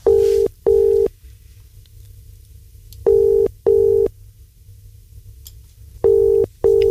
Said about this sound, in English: Right, let's make the phone call. Here we are. Here we go. Oh, it's ringing. That's a good start.